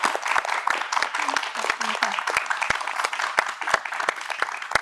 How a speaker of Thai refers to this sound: ขอเสียงปรบมือให้ด้วยนะครับ